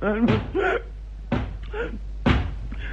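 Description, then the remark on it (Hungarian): Three heavy, evenly spaced knocks on a door while people are eating dinner, about a second apart, each a sharp thud, with voiced, tonal sounds continuing in between. “Ki lehet az, aki így kopogta?”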